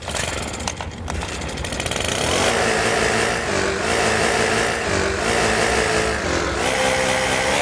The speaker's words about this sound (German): Eure S1 Morning Show ist hier mit großartigen Laubbläser-Hits, die es echt in sich haben. Ja, hör noch mal kurz rein, was wir euch eben als Rätsel mitgegeben haben. Also das hier ist ein Radio-Hit, den kennt ihr im Original auf jeden Fall.